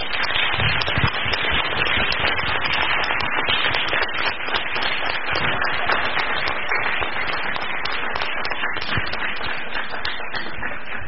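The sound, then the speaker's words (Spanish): An audience at the opening of a panel discussion applauds steadily for about eleven seconds, a dense, even wash of many hands clapping at once with sharp crackly detail and no pauses or speech. “Como que intentamos dar un aplauso, estaría bueno que diéramos el aplauso como debe de ser para”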